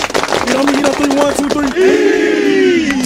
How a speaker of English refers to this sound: We're the Kings Mountain High School football team. And we're your high school team of the week. This week, we got North Gadsden High School ready to carry this momentum into conference play. Everybody clap it up.